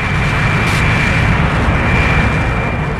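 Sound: jet aircraft flying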